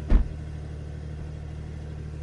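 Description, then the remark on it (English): A two-pedal Porsche car's engine is started and fires up with a quick, sharp burst, then settles into a steady, deep, throaty idle rumble from a sports exhaust, with no talking. “It just spins the car up straight away and starts the engine, and then you get that great sports exhaust as well.”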